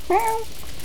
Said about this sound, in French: Oh, un chat.